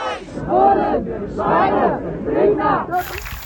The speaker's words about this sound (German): Das, was wir gerade hören, ist der Applaus, weil die eine Person vom orangenen Finger auf der B7 bei Frienstedt nun aus der ED-Behandlung freigelassen wurde und zurückgekehrt ist in den Demoaufzug.